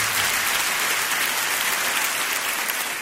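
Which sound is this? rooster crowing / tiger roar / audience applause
audience applause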